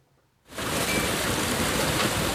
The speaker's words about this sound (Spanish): En Talavera de la Reina, la pasada tarde ha granizado así.